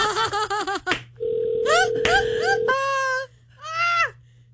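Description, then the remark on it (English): A steady electronic phone ringing tone of a call to a woman, who declines it and sends it to voicemail, hums for about a second and a half, clear, while whiny, sob-like voices cry out before, over and after it. “I should call her one more time.”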